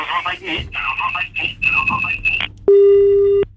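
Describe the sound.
Muffled, phone-filtered talk gives way to a single steady electronic telephone tone lasting under a second, loud, like the start of a busy signal on the line.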